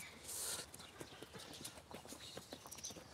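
Hooves of donkeys walking at a relaxed pace as they are led into a meadow, a quick irregular clip-clop of many soft knocks overlapping, with a faint high hiss early on and no clear talking.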